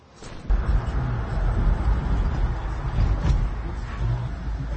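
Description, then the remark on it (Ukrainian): Steady low rumble of a car driving through busy city traffic in Zaporizhzhia, Ukraine, around 8:30 in the evening, engine and road noise droning continuously from just after the start, with no one speaking. “Їдемо по Запоріжжю. Бачите, скільки машин.”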